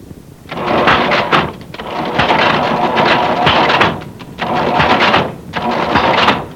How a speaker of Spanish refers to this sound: Guapo, funciona el chunche ese, bella. Vale más que la mamá de mi mujer nos consiguió esta caja registradora vieja, mire.